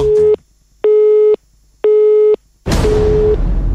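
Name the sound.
telephone busy tone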